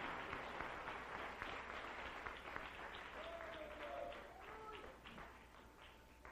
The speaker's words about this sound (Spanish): ¿Puede darle un aplauso al Rey en esta noche? ¡Aleluya! ¡Y gloria a Dios!